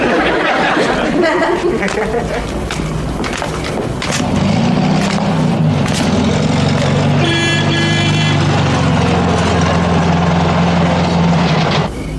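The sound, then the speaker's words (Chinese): A son's car pulls up with a steady low engine rumble and gives a brief horn toot partway through, while voices chatter in the background. “这不是我那工作努力的儿子和他得之无愧的汽车吧？”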